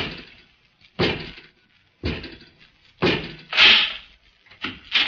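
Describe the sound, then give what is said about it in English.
A door is opened by a robot servant with a series of heavy, clanking thuds about a second apart, each ringing briefly before fading, fairly loud with no voices. “Robot 2, open the door.”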